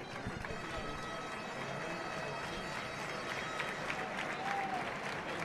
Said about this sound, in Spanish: Le pita porque ha picado la paletilla y ya la aplaude. Se levantan a aplaudirle